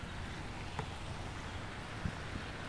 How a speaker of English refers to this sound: I'm going to take away the umbrella just to show you the difference. This is the sound without the umbrella. Now it's raining, but that's fine. And there's bird song.